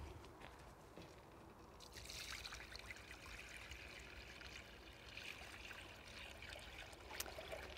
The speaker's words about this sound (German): Dann geben wir Wasser hinzu.